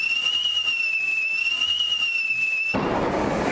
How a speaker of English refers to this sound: Firework or fart? Well, it's a fart. I mean, a firework. It's a firework.